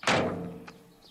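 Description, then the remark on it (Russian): An ambulance's door shuts with a single solid slam outside a hospital as a woman in a white medical coat gets out, fairly loud, its low thud ringing out briefly before fading, with a faint click just after. “Из машины выходит женщина в белом медицинском халате.”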